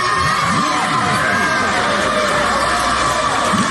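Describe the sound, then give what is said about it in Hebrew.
A loud, dense crowd of excited children roars continuously in Brazil as Neymar Jr. is named to the World Cup squad, full of excited yells, whoops and high shouts, with voices overlapping in a constant wall of cheering. “הילדים השתגעו.”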